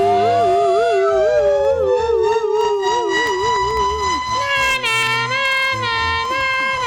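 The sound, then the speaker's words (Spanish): A loud ambulance siren wails continuously, its pitch warbling rapidly and sweeping up and down, with overlapping tones layered together and no voices heard. “Métele sirena ahí, métele sirena.”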